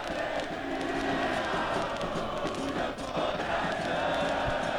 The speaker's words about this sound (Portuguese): A torcida do Grêmio está fazendo uma festa espetacular. Agora sim, agora eu estou enxergando o ônibus, está virando nesse exato momento para entrar no estacionamento e o som é esse aqui, gente.